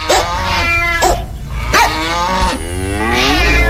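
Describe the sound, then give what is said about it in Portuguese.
Cows moo loudly, several long drawn-out bellows in quick succession with rising and falling pitch, overlapping one another with no talking. “E a vaca mugiu.”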